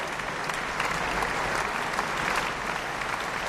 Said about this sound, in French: Des applaudissements chaleureux du public pour Igor Levit, pianiste, et ce concerto que nous avons entendu avec l'orchestre de chambre de Lausanne, dirigé par Renaud Capuçon.